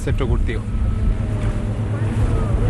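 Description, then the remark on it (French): A motorboat engine drones steadily and loudly throughout, a constant low rumble with a faint whine above it, as the boat heads to the farming site of Aquachile's Wenkiyawe centre, about 1200 metres from shore; muffled voices come through briefly near the start. “On en a pour 5-10 minutes en bateau à moteur.”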